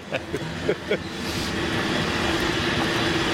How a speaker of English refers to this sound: All right, now we are at Mason and Pacific. Get some good cable car sounds.